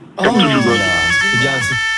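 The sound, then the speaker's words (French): A steady, high-pitched electronic alarm tone rings continuously throughout, while a person talks loudly over it. “Il y a l'alarme qui sonne”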